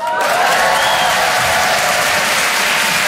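A live audience applauds steadily, a dense wash of many hands clapping that stays loud and even for about three seconds, with faint crowd murmur mixed in.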